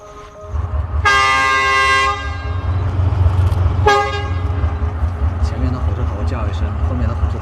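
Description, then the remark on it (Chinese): A train horn sounds a loud, steady blast of about a second, then a second, shorter toot, signalling readiness before departure at Zhichun station on the Yunnan–Vietnam Railway in Yunnan, China, over the low rumble of an idling locomotive, with faint voices in the background. “意思就是 我准备好了，你准备好了 吗？哎，你准备好了吗？两个都回答，准备好了，那我们就开车。”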